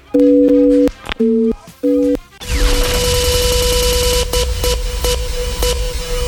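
A telephone line tone during a phone call sounds as three steady, clear beeps separated by short pauses, then gives way to a loud, dense wash of noise that continues to the end.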